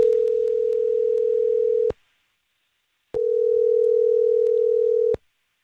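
Two long, steady ringback tones of an outgoing phone call placed by a radio show host, each lasting about two seconds with a short silent pause between them, clear and fairly loud with no voices.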